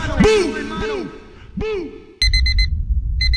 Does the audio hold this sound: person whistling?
no